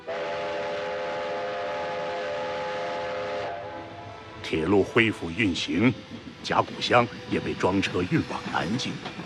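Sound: train running on railway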